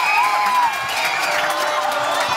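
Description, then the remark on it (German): A large crowd at a football public viewing roars and cheers in a dense, sustained wash of voices, with high whoops and shouts cutting through, as Nico Williams scores to put Spain 1-0 up in extra time. Loud and continuous, the excitement holds steady across the whole moment. “Nein! Man hört es am Jubel. 1-0 Spanien, Nico Williams.”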